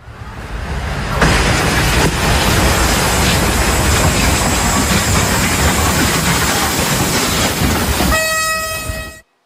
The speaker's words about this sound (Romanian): Accident pe calea ferată în Polonia, un tir blocat pe șine a fost lovit în plin de un tren de pasageri.